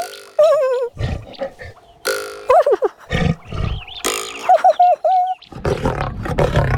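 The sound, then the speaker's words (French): An angry lion roars and growls while shaking its head hard, in several loud bursts, rough snarls alternating with wavering, throaty cries, ending in a deep, raspy roar. “Le lion n'est pas content. Il secoue la tête très fort.”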